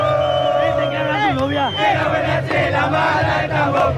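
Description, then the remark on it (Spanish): A large stadium crowd of azulgrana (blue-and-red) club fans, waiting to enter in light rain, chants and cheers in unison, many voices rising and falling together in a loud, steady roar that never lets up across the whole clip. “Mira, la gente alienta, acá hay calor.”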